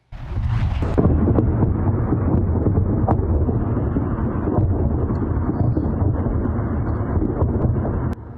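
A heavy, continuous low rumble of explosions from US strikes hitting a dock on an Iranian island amid exchanges of fire, recorded by residents in Iran, rolls on for several seconds, with a few sharper cracks poking through the roar. It is loud and booming, with no voices.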